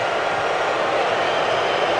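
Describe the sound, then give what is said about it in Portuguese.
A stadium crowd at a football match between South Africa and Canada boos in a steady, dense roar that holds at an even, loud level for the whole stretch, with no individual voices standing out. “Mais vaias, pode ter certeza que vão vaiar.”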